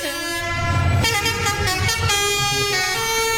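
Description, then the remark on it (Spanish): A loud musical truck air horn blares a melody of several sustained, brassy tones that shift in pitch, with a low engine rumble underneath and no talking. “¿Sabe con qué empezaron estas bocinas que son musicales”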